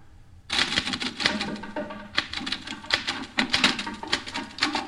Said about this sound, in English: There are drums in the typewriter, I think, I don't know. Drums in this typewriter.